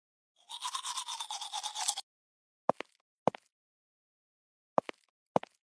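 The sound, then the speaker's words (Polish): Teeth being brushed in a private bathroom in a bedroom, a quick, scratchy burst for about a second and a half, followed by four sharp taps or knocks, like a toothbrush being rapped against a sink or cup. “Jeszcze zęby umyć.”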